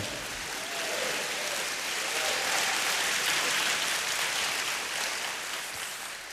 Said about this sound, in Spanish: Vamos, dele palmas al Señor. Aplauda al Santo.